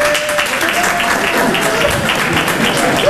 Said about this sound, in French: 300 personnes, t'entends la tristesse de l'applaudissement, comment elle est triste ? Voilà. C'est pas un applaudissement, ça, c'est du morse que t'as fait. T'as fait SOS, SOS.